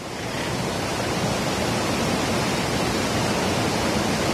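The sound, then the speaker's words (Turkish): A steady, dense roar of rushing water from a stream in Istanbul that overflowed after heavy rain, flooding homes and workplaces, fills the whole clip, broad and constant, with no voices present. “Neslişah, hemen derenin yanındasın gördüğüm kadarıyla.”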